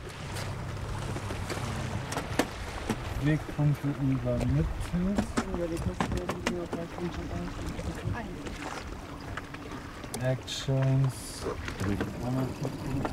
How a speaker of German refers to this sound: Ausgestattet mit 2 elektrischen Motoren, erreicht diese Schwimmdrohne eine Spitzengeschwindigkeit von 30 Knoten, also fast 60 Kilometer pro Stunde.